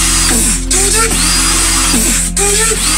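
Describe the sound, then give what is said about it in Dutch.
A loud electric drill whines continuously as a man uses it to imitate dubstep beats, its motor pitch bending up and down and cutting out briefly in rhythmic stutters that mimic wobbling dubstep beats, up front. “Dit is een gast die dubstep beats aan het nadoen is met een echte boormachine.”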